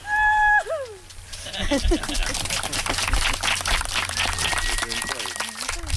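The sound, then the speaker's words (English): At a graveside, after a heavy grave marker is lowered into the ground, one voice lets out a short, high whooping cheer that slides downward in pitch, then dense crackling clapping and scattered voices carry on for several seconds. “Then a person cheers.”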